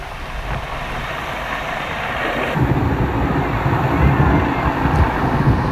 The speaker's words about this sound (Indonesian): Hujan deras dan angin kencang yang melanda Siprus pada Sabtu telah menyebabkan banjir, pohon tumbang, dan tanah longsor di sejumlah pulau di negara itu.